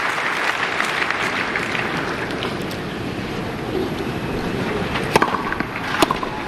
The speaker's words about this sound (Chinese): 掌声